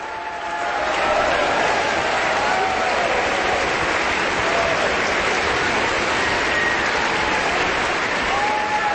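A large concert audience on its feet gives a sustained, thunderous standing ovation for violinist Hadalek after his performance with the orchestra, a dense continuous roar of clapping that holds steady throughout, with faint scattered cheers rising above it.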